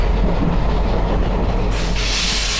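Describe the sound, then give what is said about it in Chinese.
A train rumbles along the Tianjin–Pukou railway toward Shandong, China, in 1934, heard from a third-class carriage, loud and steady with a deep continuous roar, and a brighter hiss swells in near the end. No voices. “在朋友陪伴下，乘坐3等车厢，沿津浦铁路前往山东，开始了一场复原历史的冒险。”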